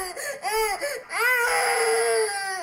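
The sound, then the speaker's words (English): A baby wails in short rising-and-falling bursts, then breaks into one long, strained, high-pitched cry that holds steady and loud to the end, with no talking. “These are the worst sound, the baby crying.”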